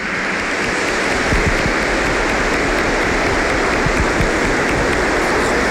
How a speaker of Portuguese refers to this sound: Hoje visitando também os irmãos da paróquia Santa Luzia, vamos acolhê-los com uma salva de palmas.